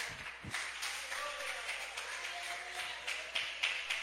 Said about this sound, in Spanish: Déselo a Jesús ese aplauso, por favor.